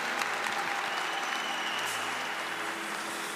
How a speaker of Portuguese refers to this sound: E se você quer isso, dê uma forte salva de palmas a Jesus, porque Ele merece. E aplauda o teu irmão que está do seu lado aí, em quem você acredita na santidade dele.